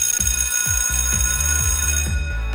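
A school bell rings loudly and continuously, a steady metallic electric clang that holds for a few seconds, with a faint rhythmic thumping underneath and no one speaking.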